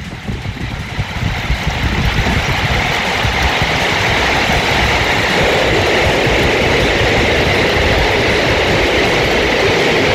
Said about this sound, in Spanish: Lo que cae ahora es granizo. Muy intensamente.